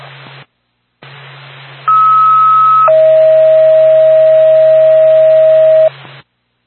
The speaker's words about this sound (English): NORPAC, Whitefield Ambulance, standby for tone.